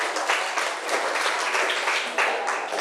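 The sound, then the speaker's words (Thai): A class of students claps together for a classmate who answered a question, a dense, steady burst of applause that holds at an even, fairly loud level for about three seconds, with no one speaking over it. “ขอบคุณค่ะปรบมือให้เพื่อนหน่อย”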